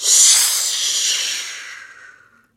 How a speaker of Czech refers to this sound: Ještě však z dohledu neodběhl, když se za ním ozval táhlý, pronikavý hvist.